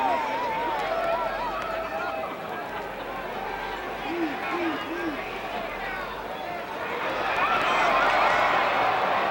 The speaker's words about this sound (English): Well, everything's happening here, and the Coliseum is in an uproar. As a tag team match that's been going about 3 minutes, and about most of that time, just about everybody's been in the ring.